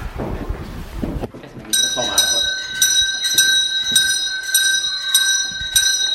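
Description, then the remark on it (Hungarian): After a second of murmured voices as children come in for class, an electric school bell starts ringing loudly and continuously, a bright, high metallic clatter pulsing in a steady rhythm until the end. “Megtörténik a becsengetés.”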